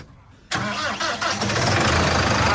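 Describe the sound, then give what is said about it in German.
The heavy diesel engine of a large tractor cranks and roars to life after a brief quiet moment, then settles into a loud, steady, rumbling idle. “So klingt so eine fette Maschine.”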